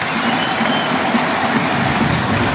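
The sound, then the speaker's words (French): A large stadium crowd at Saint-Symphorien claps steadily in a dense, continuous wash of applause, fairly loud and sustained throughout, with no voices standing out above it, warmly applauding footballer TJ Savanier as he comes on as a substitute for his first appearance. “TJ Savanier chaudement applaudi par le public de Saint-Symphorien pour sa première.”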